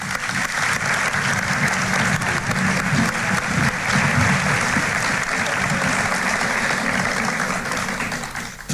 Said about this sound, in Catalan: Gràcies per la vostra feina i per la implicació. I us demanaré un aplaudiment per aquestes entitats.